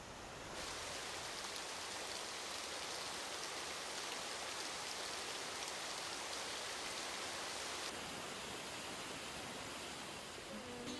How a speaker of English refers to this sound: Gonna take a shower.